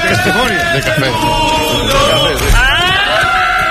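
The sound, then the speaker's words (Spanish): A loud crowd in a bar shouts and cheers over one another at the Moto3 World Championship result, the roar swelling until a single piercing, oddly strained scream rises above it at the end. “Ese grito final es no llega a ser un irrinchi, es una cosa rara.”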